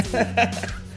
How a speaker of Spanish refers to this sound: Disculpa, quería intentaba esas ocasiones que dices no quiero toser, no quiero toser, y que aprieta fuerte el diafragma. Pero no lo logré.